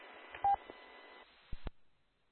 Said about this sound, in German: mit dieser DTMF-Zahlenkombination, die ich eingeben muss, um mich dann zu euch da zu verbinden. Ja, genau. Ja, das muss man bei FM-Funknetz.